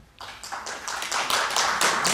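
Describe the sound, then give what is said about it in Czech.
An audience breaks into applause to vote on whether the paintings on the host's left are the artist's, many hands clapping in a dense, steady patter that swells slightly louder and holds over two seconds, with no voices. “Zatleskejte.”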